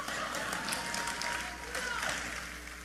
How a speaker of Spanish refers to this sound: Uy, qué poco aplauso. Yo hubiera pensado que eso los hubiera animado un poco más.